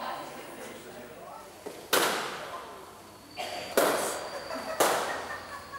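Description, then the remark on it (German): Three loud, sharp balloon pops burst out at uneven intervals, each a sudden crack that fades quickly, with a softer pop just before the second and faint background murmur between them. “Also ich meine schon, mir geht es zumindest so, wenn ich einen Luftballon zerplatzen lasse, dann wartest du auf den Knall, aber du weißt ja nicht, wann kommt es jetzt, wann drücke ich so fest oder wann ist es.”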